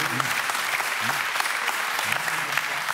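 Steady applause from an audience, a dense wash of many hands clapping at an even level throughout, with faint voices murmuring underneath.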